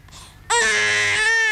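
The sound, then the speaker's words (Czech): After a brief quiet moment, an infant lets out a single loud, sustained wail, high-pitched, holding steady to the end with no talking. “No když se děťátko počurá, tak pláče, nebo se pletu?”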